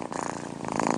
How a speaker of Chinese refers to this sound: 猫感到放松时会打呼噜